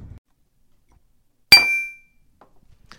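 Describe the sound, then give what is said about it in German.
A single bright clink of glasses touching in a toast, with a short ringing tone that fades within half a second, otherwise quiet around it. “Prost.”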